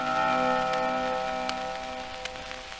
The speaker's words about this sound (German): Der neue Stundenschlag ist ein musikalisch vollendeter Akkord. Stundenschlag.